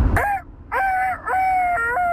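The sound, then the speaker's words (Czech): A person imitates a rooster crowing: a short voiced burst, then two longer rising-and-falling cries, the last one drawn out and wavering, sung in a strained, somewhat hoarse voice. “další zvířecí zvuk. Věrný kohout.”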